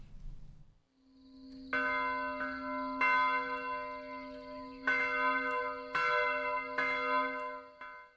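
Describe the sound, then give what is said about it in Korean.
A church bell rings out in a series of clear, resonant strikes at an uneven pace, each tone sustaining and overlapping the next, loud with no voices. “우리 이거 종소리 한번 바꿔야 되지 않아요?”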